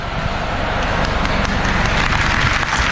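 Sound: audience applause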